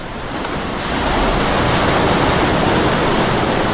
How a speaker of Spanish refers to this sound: Es la lluvia.